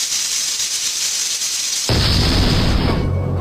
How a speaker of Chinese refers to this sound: 爆炸的高压锅